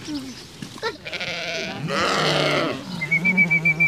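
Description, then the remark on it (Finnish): At the Vehmasmäki animal park in Finland, as children at a science camp feed a pig and a lamb, the lamb bleats loudly, two drawn-out quavering cries in quick succession, with soft farmyard snuffling and shuffling around them and a thin high squeal near the end. “Tiedeleirillä Vehmasmäen eläinpuistossa lapset ruokkivat puttipossua ja latelammasta.”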